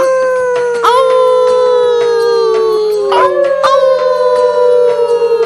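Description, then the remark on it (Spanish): A sustained, wavering wolf-like howl by Sabu, who is learning to howl like a wolf, with rich harmonics, slowly sliding in pitch and breaking into a higher second howl partway through, loud with no talking. “¡Sigue aullando, Sabu! ¡Ya casi pareces un lobo de verdad!”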